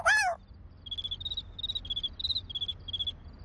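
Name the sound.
cricket chirping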